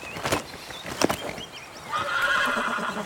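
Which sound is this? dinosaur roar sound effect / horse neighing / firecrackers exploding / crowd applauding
horse neighing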